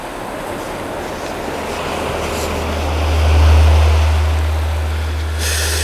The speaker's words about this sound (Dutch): Ik hoor een beetje geroezemoes in zee.